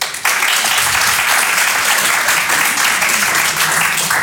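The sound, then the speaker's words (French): An audience bursts into sustained applause, dense overlapping clapping that starts abruptly and stays loud and steady throughout, with faint voices mixed in. The applause comes from people who are older brothers or sisters, answering a performer's question on stage in the evening. “Par applaudissement, il y a des gens qui ont le statut de grand frère ou de grande sœur ce soir.”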